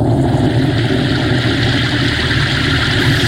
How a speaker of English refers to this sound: And Moses stretched forth his rod toward heaven, and the Lord sent thunder and hail.